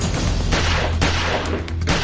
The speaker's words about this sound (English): Carla fired 3 shots, the fourth shot from close range, close enough to spatter the tiny speck of blood found on her shoe.